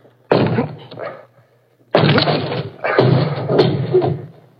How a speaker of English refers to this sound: Can you force the door? Oh, yes, of course, but... Then please do. All right. Here goes.